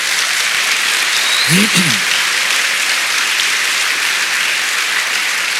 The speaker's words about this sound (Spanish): Dele palmas al Señor.